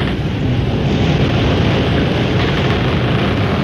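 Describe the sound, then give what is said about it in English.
Wind roars steadily and loudly across the whole stretch, a dense, rushing blast with deep rumbling gusts whipping the sails of a big schooner, the Porpoise, in the radio program The Adventures of Sailor Sam. No voices are heard. “Hear the creak of the rigging, listen to the wind whip the sails.”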